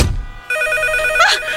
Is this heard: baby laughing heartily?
no